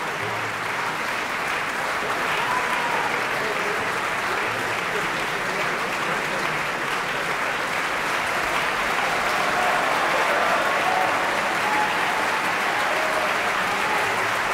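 Sustained, dense applause from a large opera audience for singer Joyce El-Khoury, who sang the role of Lina, fills the whole stretch, steady and enthusiastic with a few faint calls mixed in.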